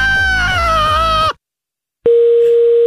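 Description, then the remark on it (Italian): A harsh, buzzing, harmonic-rich sound cuts off abruptly, followed by a brief silence, then, after a telephone receiver is hung up, a steady, unbroken mid-pitched telephone dial tone sounds loudly and alone. “Che cazzo metti giù la cornetta? Ti sto parlando.”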